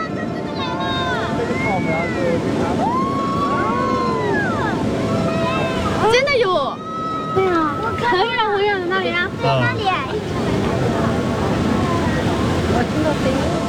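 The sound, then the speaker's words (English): A steady, loud roar of churning, rushing water from a sediment-laden tidal bore surging up the Chentang River fills the scene, with a crowd's excited shouts and calls rising and falling over it. “The tidal bore is a huge mixer because a tidal bore carries a lot of sediment.”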